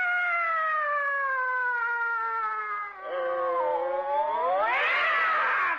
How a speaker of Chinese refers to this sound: 干嘛猫打架呀？